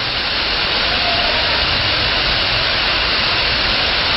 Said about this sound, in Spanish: Qué lluvia la que está cayendo, terrible.